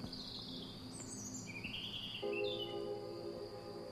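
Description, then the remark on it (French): Birdsong rises from a grove of trees with young foliage, with thin high chirps and trilling calls over a steady background hum of insects. The singing is soft, with no voices. “Où les jeunes pousses des feuillages enchantent les oiseaux.”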